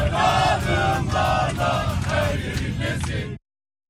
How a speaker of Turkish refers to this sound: Sadece San Francisco sokakları değil, ABD'ye giden uçaklarda da milli takım coşkusu yaşandı. Uçak içinde taraftarlar tezahüratlar yaptı.